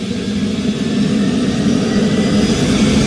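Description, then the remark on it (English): A steady, loud turbine engine whine and rumble from a twin-engine rescue helicopter as its engines are started, holding constant with a low droning hum and no speech. “He's just firing up one of the engines. Now it's twin engine, so he's got two engines to start.”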